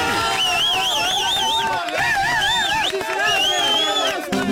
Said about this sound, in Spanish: Aplauso por él.